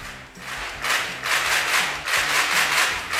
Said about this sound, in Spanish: ¿No hay aplausos? Sí, hay aplausos, claro que sí.